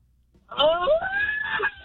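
One person lets out a loud, drawn-out birthday scream lasting just over a second, its pitch climbing and holding high before cutting off, with no other voices around it.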